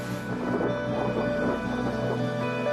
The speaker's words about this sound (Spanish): Durante el tiempo que pasamos en el refugio hubo fuertes tormentas.